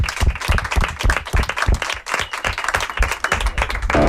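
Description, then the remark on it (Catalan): Audience applause fills the whole stretch, a dense, steady patter of many hands clapping at a loud, even level with no voices over it. “Aplaudiment, per favor.”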